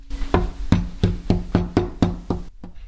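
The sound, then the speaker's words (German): A kindergarten child makes a knocking-on-a-door sound for a microphone: a steady series of about eight sharp, solid raps at an even pace, fairly loud, with no voices, ending abruptly in quiet. “Herein.”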